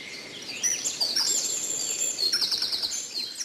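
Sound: birds singing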